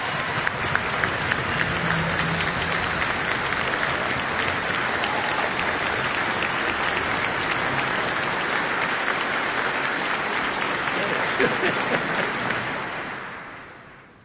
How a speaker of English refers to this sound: Let's give Mark a round of applause.